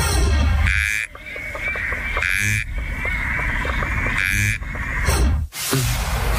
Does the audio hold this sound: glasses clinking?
no